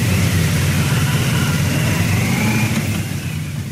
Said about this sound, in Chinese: 上午9时许，七一勋章获得者集体乘坐礼宾车从驻地出发，由礼宾摩托车队护卫前往人民大会堂。